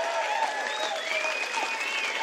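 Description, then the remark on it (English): Steady applause from an audience at a live music performance on a live album recording, a dense wash of many hands clapping at an even level, with a few faint whistles or cheers mixed in and no speech. “And yes, it is a live version, so expect a little bit of clapping.”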